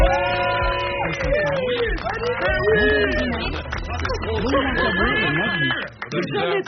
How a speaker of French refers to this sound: Rarement Daniel Pénac a été autant applaudi en son absence. Il est sur la route. Il arrive.